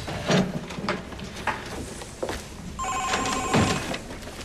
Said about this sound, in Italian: Il telefono.